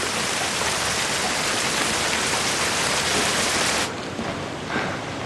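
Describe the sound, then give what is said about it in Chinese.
Steady, dense rain hisses, a constant wash of drops with no voices, then eases a little and grows softer for the last second or so. “还说下雨天担心您着凉，祝福您加件衣裳。”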